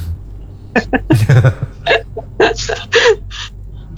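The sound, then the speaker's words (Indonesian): A person coughs repeatedly in a fit of short, harsh bursts, roughly eight or nine in quick irregular succession, fairly loud, with a low steady hum underneath and no talking. “Wah, batuk ya, aduh kasihan ini.”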